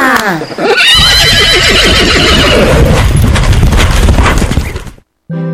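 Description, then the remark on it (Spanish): A horse lets out a loud, shrill whinny, then hooves pound and a cart rattles and clatters as two horses bolt away across a field, the cart bouncing behind them, the noisy rumble filling the scene before cutting off abruptly. “Esos caballos salieron corriendo en ese campo con el carro saltando y rebotando detrás.”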